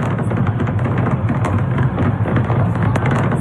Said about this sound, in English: How dare he just stand there and watch fireworks?